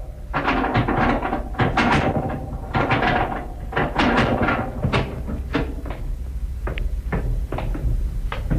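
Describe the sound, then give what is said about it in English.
A heavy hidden door in a cellar wall, behind a section hinged to swing out from the wall, swings open with a rapid series of creaks, knocks and wooden clunks running for several seconds and no voices. “Section of shells hinged to swing out from the wall, eh? With a heavy door behind.”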